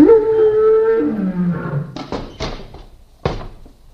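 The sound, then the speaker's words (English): A loud lion roar rises and then drags downward in a long growl as the lion opens its jaws in a circus act, followed by several heavy thumping snaps that fade off. No voices. “The lion is opening his jaws.”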